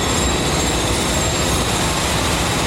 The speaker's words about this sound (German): Baulärm bestimmt die Geräuschkulisse am Jungfernstieg. Die rote Sandsteinfassade des Hamburger Hofs ist eingerüstet.